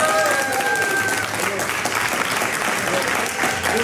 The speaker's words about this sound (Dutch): Maar eerst een keer live applaus, wel een keer leuk, ja, ook. Waar was dat applaus nou, voor ons of voor mevrouw van der Wal? Ja, ik denk voor mevrouw van der Wal.